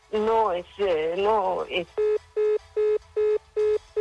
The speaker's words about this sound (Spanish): Se le cortó la llamada a Gloria.